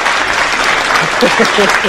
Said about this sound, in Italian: Aspetta, perché qui c'è anche il nostro gruppo di ascolto che è pronto ad applaudirti e arriva l'applauso.